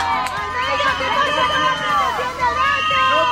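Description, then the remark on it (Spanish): A crowd of striking nursery-school teachers in Madrid shouts and yells at the city's mayor, Almeida, on a Tuesday, many overlapping voices rising and falling in a loud, continuous uproar with no clear words. “Las educadoras infantiles en huelga recibían este martes entre gritos al alcalde de la capital.”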